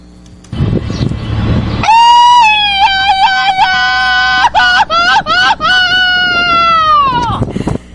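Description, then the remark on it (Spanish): A loud, high-pitched festive Mexican grito: one long sustained yell with warbling, yodel-like breaks, held for about five seconds before trailing off, following a brief burst of noise. “Claro que sí, ahorita le ponemos el grito allá”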